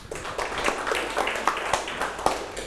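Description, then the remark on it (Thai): A classroom of students claps for a classmate, a dense, uneven patter of many hands that stays fairly steady for a few seconds, with a few sharper claps standing out and no talking. “ปรบมือให้เพื่อนครับ”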